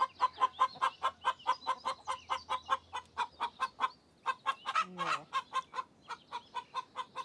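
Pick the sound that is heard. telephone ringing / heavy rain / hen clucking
hen clucking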